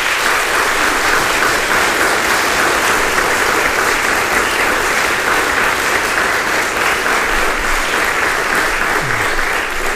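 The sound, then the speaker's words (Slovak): A large audience claps steadily and loudly for all the finalists of the second category at the Slávik Slovenska 2026 competition, a dense, even wash of applause with no pauses and no voices standing out. “Tak ešte jeden veľký potlesk pre všetkých.”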